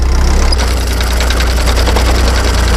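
A tractor engine runs steadily during hay raking in a hay field, a loud, low diesel rumble with a rapid, even knocking throb that holds for the whole few seconds. No voices are heard.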